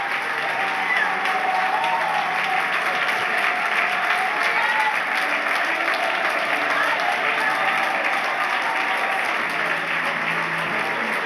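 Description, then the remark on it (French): An audience applauds steadily for about eleven seconds in praise of Jesus, the King of kings, during a morning church service: a dense, even wash of clapping that holds at a constant loudness without pausing, with faint voices mixed into the crowd noise. “Est-ce que l'on peut applaudir le roi des rois, le Seigneur des seigneurs ?”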